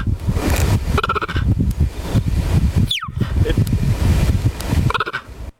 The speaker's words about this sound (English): Is it a cheetah? Absolutely right. Bingo, it is a cheetah. Bingo, cheetah. Nicely done. I didn't know they made that little chirping noise. I never knew that before.